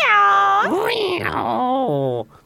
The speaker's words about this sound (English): Meow.